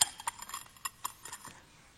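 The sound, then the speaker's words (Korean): Dishes clink and a bowl is handled during a church worship service with children, with a run of light, sharp taps and knocks at irregular intervals, fading softer toward the end. No talking. “그래서 오늘 내가 우리 아이들 함께 드리는 예배이기 때문에 그릇을 좀 가지고 나왔습니다.”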